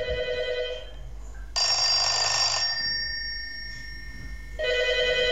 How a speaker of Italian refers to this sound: Signori, telefono SIP anni 70, suoneria grande.